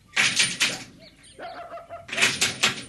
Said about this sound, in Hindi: दरवाजे पर दस्तक हुई।